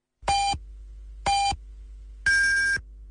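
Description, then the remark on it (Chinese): A radio time signal marking 14:30 Beijing time: two short, evenly spaced electronic beeps followed by a longer, higher-pitched final beep, clear with no talking. “北京时间14:30。”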